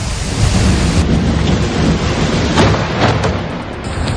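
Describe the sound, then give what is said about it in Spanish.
Heavy rain pours steadily at night on carrer Colón in Valencia, a dense, loud rushing hiss with a deep low rumble beneath as water streams down the street toward a health clinic, with a few brief sharper splashes and no voices. “Tensión, pánico, miedo que va por libre y lluvia.”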